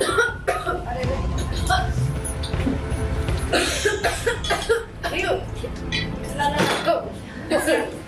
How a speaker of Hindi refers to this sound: जी TV के serial Jagaddhatri में आज सभी लोग खाना खा रहे हैं। ऐसे में है जगधात्री की बहन तपस्या आई, उसकी सास और बाकी के घर वाले, और ऐसे में देखिए कैसे खाना खाते खाते तपस्या को खांसी आ जाती है और जगधात्री उसके लिए पानी लेकर आती है।